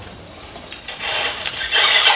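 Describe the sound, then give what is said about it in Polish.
House keys being shaken, their normally inaudible ultrasonic part, not amplified, slowed and lowered in pitch into a dense, shimmering metallic rustle that grows louder and busier halfway through, with no voices. “Wiecie Państwo wszyscy, jak dzwonią klucze do mieszkania?”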